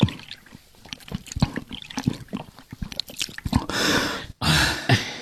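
Wet gulping and swallowing sounds in quick irregular bursts as a thirsty man drinks water in hot weather, then a steady hiss of water being poured in two long streams with a short break between them.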